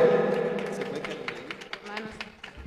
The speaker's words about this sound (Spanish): hermana, fuertes aplausos, ¿sí?